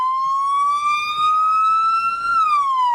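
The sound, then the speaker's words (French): An emergency vehicle siren wails loudly as rescue services arrive at the scene of a head-on collision between two cars, its steady tone slowly climbing and then dipping back down in one continuous sweep, with no voices present. “Les secours sont arrivés.”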